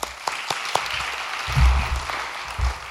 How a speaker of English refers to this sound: Clap it up for him.